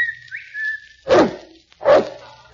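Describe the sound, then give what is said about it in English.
A steady, sustained whistle with a quick upward slide partway through, calling a St. Bernard dog named Kelowna, followed by two loud barks about a second apart. “I'll whistle for Kelowna.”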